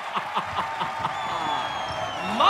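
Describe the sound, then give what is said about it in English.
A crowd at a televised show, on its feet for Katniss Everdeen's entrance, applauds and cheers in a steady, dense wash of clapping, with whoops and excited voices rising through it and swelling louder at the very end. “The crowd is on its feet.”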